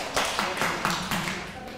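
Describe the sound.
Children in an English vocabulary lesson clapping their hands for a classmate's correct answer in a short, slightly uneven burst of about half a dozen sharp claps, moderately loud, with voices murmuring underneath.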